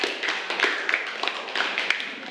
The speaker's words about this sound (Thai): ปรบมือให้กับกลุ่มที่1ด้วยค่ะ